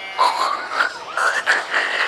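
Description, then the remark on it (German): The character Rudolf Radio imitates a pig at an animal enclosure with goats, with a run of about five nasal, squealing snorts in quick succession. The tones are mid-pitched and wavering, with no other talking. “Das klingt jetzt aber eher nach Schwein. Soll's ja auch, Conny Computer.”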